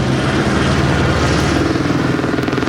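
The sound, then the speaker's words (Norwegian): Loud, steady rotor and engine roar fills the whole clip, a continuous throbbing drone of three firefighting helicopters passing overhead in windy conditions, taking turns collecting water to put out a fire, with no speech. “Og som dere ser her, så jobber helikopterne med å hente vann tur i tur.”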